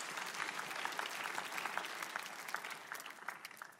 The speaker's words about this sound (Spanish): Por eso un aplauso para él.